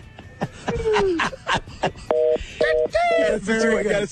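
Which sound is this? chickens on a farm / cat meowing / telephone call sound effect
telephone call sound effect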